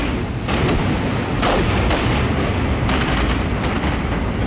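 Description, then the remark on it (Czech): A burning spaceship explodes and breaks apart in a loud, continuous roaring rumble, heavy in the low end, with sharp crackling bursts flaring through it. No voices are heard. “Ta jejich loď hoří. Rozlomila se.”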